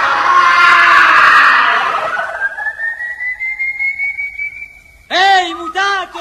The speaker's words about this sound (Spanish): Rueda varias veces por el suelo, pero continúa defendiéndose hasta que, agotado y ya sin fuerzas, lanza un último grito y cae desmayado frente al tranquero de los malabares.